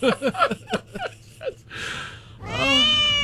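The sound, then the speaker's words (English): A bunch of cats' meows strung together into the melody of a song: quick, rhythmic pitched mews in a bouncy sequence, then a couple of longer, drawn-out meows, loud, with no talking. “I have a bunch of cats meowing the words to ….”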